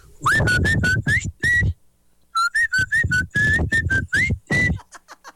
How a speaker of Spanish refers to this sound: Este me silbó otra rola. Oye, traen ritmo, los cafeteros les saben al silbido, qué bonito.